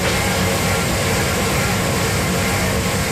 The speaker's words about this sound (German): Ist die Spülmaschine, die ist hier nämlich ganz wichtig. Hier ist alles ganz sauber, Edelstahlflächen, es ist gefliest. Wir sind nämlich in einer Käserei, der Hofkäserei Tangseel.